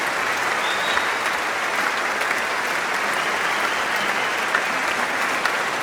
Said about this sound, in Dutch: En ik denk dat we er een toegift uit gaan slepen hier. Want, jawel, dat hij een instrument in zijn handen heeft en niet aan het dirigeren gaat, betekent dat we meer muziek gaan krijgen. Maar eerst nog wat meer applaus.